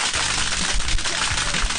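A crowd applauds steadily, with dense, crackling clapping that holds a fairly even loudness from start to finish and no voices on top.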